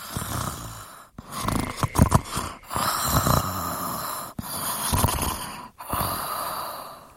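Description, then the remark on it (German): Calm, steady breathing turns into a rough snoring rasp, several long inhale-exhale cycles separated by brief pauses, fairly loud and with no talking. “Und bald hat man ein ruhiges Atmen in ein Schnurrchen aus dem Bad.”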